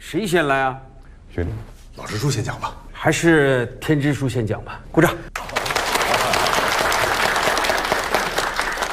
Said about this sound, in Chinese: 鼓掌